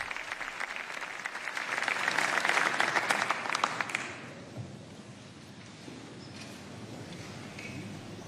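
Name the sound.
sustained applause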